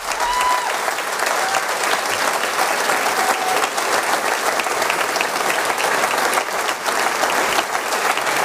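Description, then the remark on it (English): Sustained, steady applause from a large crowd as a speaker comes up to the podium, a dense continuous wash of clapping at constant loudness with no speech over it. “And he's just coming up to the podium now, so we'll expect him to start speaking once the applause dies down.”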